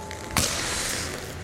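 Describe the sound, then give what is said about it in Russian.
A single sharp, loud crack as Ilya Kovalchuk, alone on a dimly lit hockey rink, turns, swings his stick and strikes a puck, followed by a steady broad hiss of rink ambience with no voices. “Илья делает разворот, замахивается клюшкой, ударяет по шайбе.”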